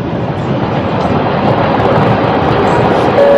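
A loud, steady rumbling roar of a passenger train running along the new Chengdu–Kunming railway in China, continuous throughout with no break or voices.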